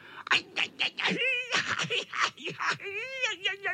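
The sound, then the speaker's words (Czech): A voice imitates a tomcat squealing as it lands in nettles: a couple of drawn-out, wavering yowls mixed with choppy vocal bursts, fairly loud, with no other sounds behind them. “Pištěl kocour, který dopadl do kopřiv.”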